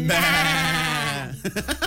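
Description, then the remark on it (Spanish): A goat lets out one long, loud, wavering bleat, its pitch sagging toward the end, followed by a few short, choppy sounds. “Y les vamos a comentar algunos datos y curiosidades sobre las cabras.”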